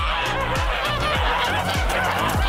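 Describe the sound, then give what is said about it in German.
A flock of geese being herded honks continuously and loudly, many overlapping calls forming a dense, raucous chorus with no talking. “Ich war heute Morgen natürlich sehr froh, dass es sehr kühl war und den Gänsen heute Morgen sehr gut ging.”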